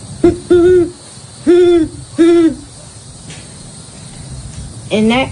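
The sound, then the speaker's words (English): A human voice imitates a great horned owl as one of a series of imitated calls of common American birds, giving four deep hoots in an uneven rhythm: two quick ones, a pause, then two longer ones, followed by a higher rising call at the end. “Starting off with the great horned owl.”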